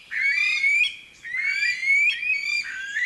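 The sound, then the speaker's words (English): Calls of the Aldabra rail, a flightless bird: a loud series of shrill, rising whistles, repeated in about three sustained phrases with brief breaks between, with no talking. “As the only flightless bird left in the region, efforts are now underway to recognize the Aldabra rails as their own species, a move that will hopefully facilitate protections that ensure these evolutionary oddities aren't lost a second time.”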